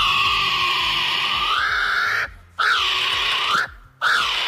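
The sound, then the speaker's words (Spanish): A loud, harsh bird call with rich harmonics, held and bending upward in pitch, cut by two brief silences into three rising-and-falling cries. No talking over it. “¡Los dos son pájaros!”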